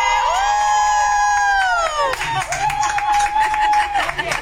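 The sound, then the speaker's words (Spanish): A loud stadium crowd, recorded on video from a box, cheers and shouts continuously, opening with a long, sustained collective yell that slides down in pitch, then a dense roar with another drawn-out shout riding over it. “ya nos compartió un video que grabó, pero ahora sí con audio.”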